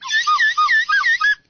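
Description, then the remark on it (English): A slightly used slide whistle blown in a quick run of short, wavering pitch swoops, up and down several times in about a second and a half, bright and loud, with no voices. “a slide whistle. Slightly used, but there you go.”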